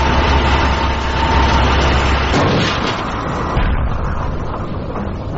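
spaceship engines starting up

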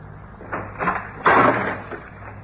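locked door being opened

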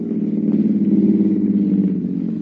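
car pulling up

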